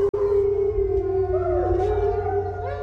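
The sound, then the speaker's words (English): A sustained, wavering animal howl rises and bends in pitch, with overlapping voices joining in a loud chorus that fills the whole stretch, no talking present. “That's when we hear them howl the most, as well as they'll howl overnight.”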